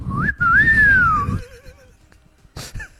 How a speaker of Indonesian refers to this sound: Gak mungkin siulannya gak gitu kali. Itu lebih ke siulan menggoda.